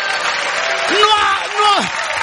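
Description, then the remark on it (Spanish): Steady, dense hand clapping fills the whole clip, crackling and continuous like applause, while a voice briefly rises and falls over it in the middle. “Ahí está aplaudiendo porque se siente que bailó el sábado. Aplaude así.”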